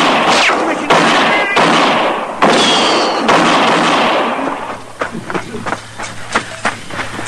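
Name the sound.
gunshots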